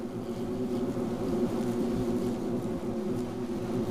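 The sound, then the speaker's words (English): A bumblebee buzzes steadily for several seconds, a low, continuous droning hum with no pauses and no voices. “But bumblebees are not the only home builders tunneling underground.”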